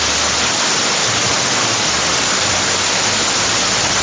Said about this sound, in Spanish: En este momento en Sillán tiran el agua con balde, escuchen.